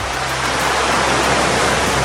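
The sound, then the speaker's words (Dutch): Atlantic Ocean waves wash onto the shore in a loud, steady rush of surf with no distinct breaks, without any voices. “Het verfrissende water van de Atlantische Oceaan.”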